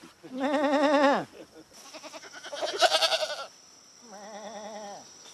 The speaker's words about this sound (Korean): 염소들이 굉장히 순해요. 내가 이야기하니까 지도 지금 답변하잖아.